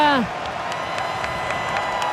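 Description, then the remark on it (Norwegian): A football stadium crowd at a Switzerland match, with Canadian fans among them cheering their team, cheers in a steady, dense roar, opening with a short tonal shout that quickly falls away, followed by faint, regularly spaced claps or bangs. “Får med seg publikum”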